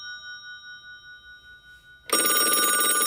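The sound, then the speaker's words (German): A telephone bell rings: a soft, wavering ringing tone for about two seconds, then a sudden loud, harsh, continuous jangle of the bell, with no voices. “Da geht man natürlich gerne ans Telefon.”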